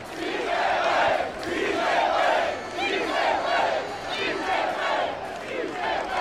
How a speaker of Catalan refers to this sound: enorme la ovació que s'ha enduit Martín de Michelis